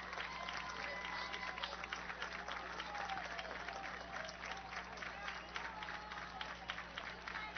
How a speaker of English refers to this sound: Now the fans are aware. They start the slow clap for the 2-2 pitch, and Yang calls a timeout right as Burroughs came set.